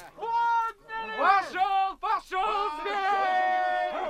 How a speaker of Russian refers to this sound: Это загонщики кричат, шумят.